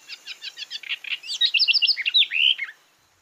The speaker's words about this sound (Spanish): Escuchamos grabaciones captadas en Boyacá, Huila, Valle del Cauca y Nariño. El trino del cucarachero común forma parte del Banco de Sonidos de Aves Colombianas, recopilado por el Instituto von Humboldt y la Universidad de Cornell.